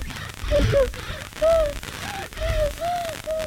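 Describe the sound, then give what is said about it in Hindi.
A baby's labored breathing: a quick, steady run of about seven short, strained, high-pitched grunting whimpers, one with each breath, fairly loud with no other voices. “ये है मेरे बच्चे की आवाज जब उसको सांस में तकलीफ है।”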